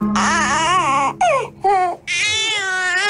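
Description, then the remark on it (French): A sleepy baby cries in strained wails with wavering pitch, broken into three bursts by short gasping pauses, loud and continuous with no talking. “Ça, c'est bébé qui a sommeil.”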